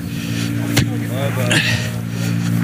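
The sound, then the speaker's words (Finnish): A rally car engine, Virves's car, hums steadily in the background with a low, even drone, while a few voices speak briefly among a large crowd around the car and a sharp click cuts through. “Taustalla kuuluva ääni tulee Virveksen autosta ja täällä on tosi paljon väkeä auton ympärillä.”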